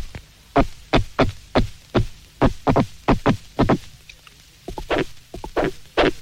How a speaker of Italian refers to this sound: Ascoltiamo ora questo comune pesce cappone.